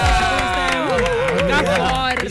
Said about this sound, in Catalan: Un aplaudiment